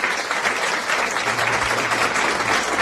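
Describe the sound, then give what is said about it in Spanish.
A crowd claps steadily, a dense, even patter of many hands with no breaks, loud and sustained throughout. No one speaks over it. “Mira, eso merece, no sabes, aplausos.”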